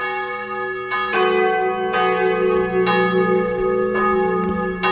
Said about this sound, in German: Und das Glockengeläut kurz vor 12 Uhr kommt heute aus Aschau am Inn von der Pfarrkirche Maria Himmelfahrt.